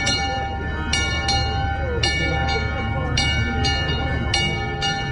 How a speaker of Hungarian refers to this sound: és akkor én ezt felajánlottam, az, hogy ezt tegyük fel erre a kis székelykapura emlékműre, és ezt húzzuk meg ma is a trianoni aláírás órájában, vagy momentumában, amelyre mindannyian fájdalomban emlékezünk. Most szólal meg ez a kis harang.